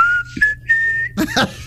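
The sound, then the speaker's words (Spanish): Someone whistles a song melody, a clear, steady tone held for about a second, followed by a brief burst of breathy, noisy sound. “Pero es si tú la cantas, no si tú la silbas.”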